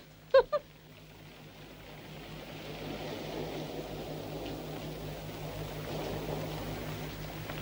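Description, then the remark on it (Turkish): A boat's engine drones steadily on the water, a low humming rumble that swells slightly and holds, after two quick sharp knocks at the very start. No one speaks. “Bu tekneyle buralarda bir yerlere gideriz ha?”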